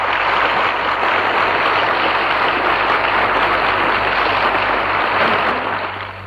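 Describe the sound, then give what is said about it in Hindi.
A large crowd applauds loudly and steadily, a dense, continuous wash of clapping that echoes through a building before easing off slightly at the very end. “और तालियों की गड़गड़ाहट से भवन गूंज उठा।”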